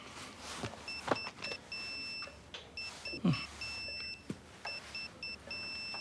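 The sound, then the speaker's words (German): A tablet sounds a high, thin electronic alarm from a patient monitor tracking blood pressure, heart rate and oxygen saturation, meant to go off when the values are too high. It beeps in quick uneven bursts throughout, with soft rustling and handling noises underneath and no one speaking. “Und wenn die Werte zu hoch sind, kriege ich einen Alarm auf mein Tablet. Hier.”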